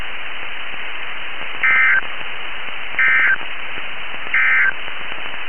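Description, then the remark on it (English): Three short, evenly spaced bursts of a raspy electronic alert tone from a test of a NOAA weather radio warning alarm and EAS (Emergency Alert System) signal, about a second and a half apart, over a steady hiss of radio static. No one speaks. “Again, this has been a test of the NOAA radio warning alarm and EAS signal.”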